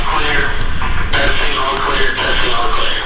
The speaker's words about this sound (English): Metro Health's new outpatient center wasn't quite finished when I toured a few weeks ago. Construction crews were testing the intercom system when we arrived.